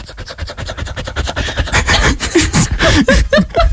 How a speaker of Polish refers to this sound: Dyszenie, tak, zrobiłam piękny, cudowny duet z moim. Ja pozwolę sobie... Właśnie wracałam ze spaceru. Zaprezentować, bo wyciąłem samo dyszenie z twojej głosówki.